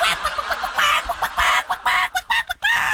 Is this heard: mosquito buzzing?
no